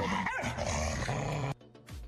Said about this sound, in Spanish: ¿Un perro? Muy bien, un perro, y van dos.